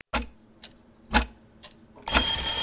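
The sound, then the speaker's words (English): A clock ticks four times at a steady half-second pace, alternating louder and softer clicks, before a loud, continuous bell-like alarm bursts in and keeps ringing. “Set your clocks 1 hour forward this Saturday night before you go to bed, so you're not late for work on Monday.”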